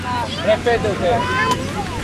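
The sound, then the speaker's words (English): A busy waterfront scene on the crowded pier of the small island of Tabarca: overlapping voices of a crowd chatter over steady wind and water noise, with a low boat-engine rumble underneath. “The pier is very crowded.”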